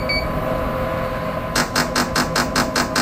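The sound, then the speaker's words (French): A rapid series of about eight short, evenly spaced electronic beeps announcing the start of a new stimulation train begins halfway through, sharp and bright over a steady low machine hum, with no one speaking. “Et quand vous entendez le bip bip bip, ça vous annonce que vous allez qu'on va commencer la nouvelle stimulation.”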